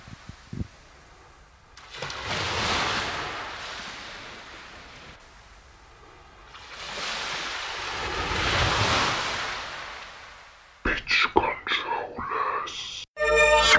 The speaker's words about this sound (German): Wir hören uns gleich wieder mit dem wunderschönen Wellensound.